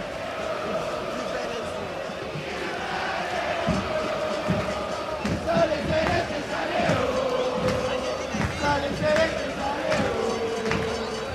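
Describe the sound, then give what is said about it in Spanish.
A large football crowd in Rancagua chants together in a steady, sustained roar of massed voices, with rising and falling sung phrases and scattered shouts over a constant, loud wash of noise. “Para los que estamos aquí presentes, para los medios de comunicación, Estación Celeste es el grito, es el ambiente lleno de fútbol.”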